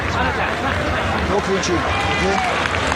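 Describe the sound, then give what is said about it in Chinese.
A crowd of Japanese spectators at a fight claps and murmurs after a penalty card is given, making a steady, dense wash of noise, while voices and calls rise above it for the whole three seconds. “你看现场观众在这拍手的日本观众，他们可能不了解啊，这个给牌是扣钱，他以为说这个比分持平了呢，其实俩人各扣20%钱，都挺惨。”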